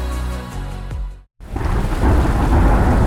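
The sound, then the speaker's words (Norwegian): A sustained musical tone cuts to a brief silence, then heavy rain hisses in, loud, with deep rolling thunder rumbling underneath and building steadily to the end. “Ja, der kom regn igjen.”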